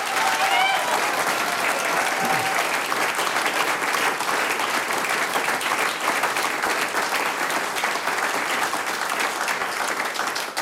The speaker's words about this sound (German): Noch einmal einen riesen Applaus